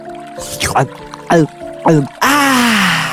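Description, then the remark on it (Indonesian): A voice imitates a mouse-deer drinking mountain river water at a riverbank on a hot, sunny day: three quick, wet gulping sounds in a steady rhythm, then a longer breathy, splashy exhale. It is fairly loud. “Kancil pun berhenti di tepian sungai untuk melepas dahaga.”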